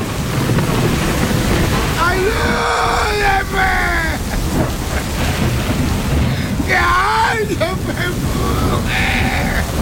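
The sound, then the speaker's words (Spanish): Torrential heavy rain pours down at 3 a.m. in a steady, loud roar during a storm with lightning, low thunder rumbling underneath, while two wailing, cry-like voices rise briefly above the downpour. “Caía un torrencial aguacero con tormenta, con rayos y centellas.”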